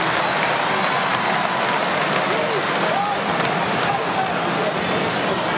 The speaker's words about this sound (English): Carlton fans clapping along, safe in the knowledge that they will win.